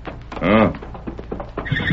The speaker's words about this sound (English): Did you hear that horse, Kimo?